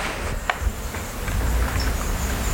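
A Eurasian crag martin passing up high gives a few short, high, dry chirps, spaced irregularly and fairly faint over a steady outdoor background hiss with low rumbling.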